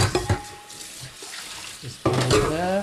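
Water runs from a tap into a sink full of dirty breakfast dishes, soba noodles swishing in the drain, with occasional clinks as a man rinses the dishes and loads them into a dishwasher; the flow grows louder and fuller partway through, steady with no talking.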